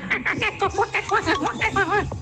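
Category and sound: vocal imitation, person imitating a monkey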